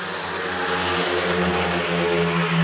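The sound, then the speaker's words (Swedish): Loud, steady engine roar of speedway motorcycles in the fourth heat sweeping past the commentator on their first pass, riders including Rowan Tungate and Thomas H. Jonasson, with harmonic tones that rise slightly in pitch as the bikes rev, and a continuous dense mechanical drone throughout with no talking. “Och just nu pågår det fjärde och det är ett 3-3-läge när förarna passerar mig första gången.”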